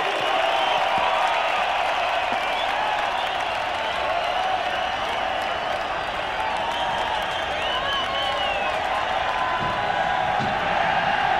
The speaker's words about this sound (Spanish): Que siga ese aplauso para estos maestros. Chido por ellos.